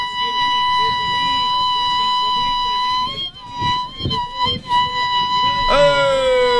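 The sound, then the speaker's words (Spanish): A single sapucay, the traditional Guaraní shout: one long, loud, piercing cry held at a steady high pitch, wavering and breaking midway, then surging upward again at the end. “No, bueno, está, tremendo zapucay. Sí, un grito, no varios.”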